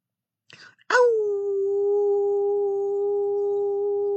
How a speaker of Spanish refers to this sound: que nada más inicia con el primero, con el primer aullido.